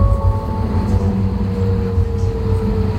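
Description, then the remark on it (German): Inside a moving HAVAG tram in Halle: a steady, loud low rumble of the ride with a thin electric motor whine gliding slightly in pitch, no voices heard. “Ich bin in Halle oft mit der Straßenbahn unterwegs und ich habe mich gefragt, wer ist eigentlich die Stimme, die die Haltestellen und Durchsagen ansagt?”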